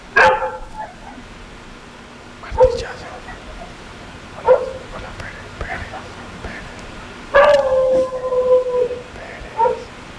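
A dog barks in short, sharp bursts spaced a few seconds apart, with one longer drawn-out vocal sound partway through, loud over a low background hiss.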